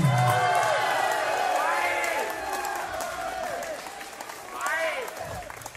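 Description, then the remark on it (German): An audience at a performance applauds steadily for several seconds, the clapping mixed with a crowd of cheering, shouting voices that swell again near the end, as the audience is asked whether it wants an encore. “Applaus und wollte Hände. Wollt ihr noch eine Zugabe?”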